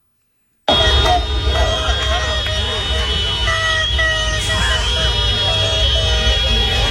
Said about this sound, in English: the Mexican fans have circled the Ecuadorian hotel and all night long wouldn't stop beeping their horns and using noisemakers to try to keep them up all night. I love that. Here's what it sounded like in Mexico.